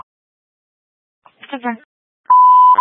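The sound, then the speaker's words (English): A brief, muffled burst of radio voice is followed by a loud, steady dispatch alert beep marking emergency traffic for a call at Tatum Boulevard and Thunderbird. The single sustained tone lasts about half a second and cuts off sharply. “Emergency traffic, 459 Frank, Tatum and Thunderbird, 633 beep.”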